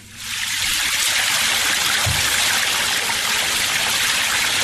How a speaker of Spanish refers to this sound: por ejemplo, el de la cascada de la pileta. Exactamente.